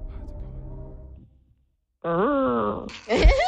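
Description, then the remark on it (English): A person imitates a whale call with long, wavering moans: a low droning tone fades out, then after a pause a rising, sliding hum gives way to a louder, higher warbling wail. “What sound does a whale make?”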